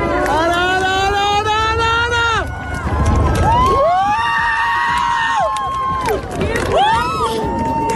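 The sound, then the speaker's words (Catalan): About 2,000 spectators at the Seu Vella viewpoint erupt in loud, sustained cheering as the moon fully covers the sun during a total eclipse, in cloudless skies with the sun to the west; many high voices whoop and shout in long rising and falling cries over a continuous roar. “Les 2.000 persones que es reunien al mirador de la Seu Vella, amb el sol a l'oest i sense núvols, esclataven a l'uníson en el moment en què la lluna tapa del tot els últims rajos solars.”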